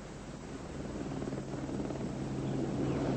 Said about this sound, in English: I do believe she's coming! There's the helicopter! She's coming! Look, she is!